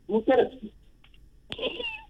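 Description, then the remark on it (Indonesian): A person imitates a cat, giving two drawn-out meows with a short pause between them, fairly loud, the second call higher and more strained. “Ui, yulah, samulah bunyi. Kedengar kucing tu.”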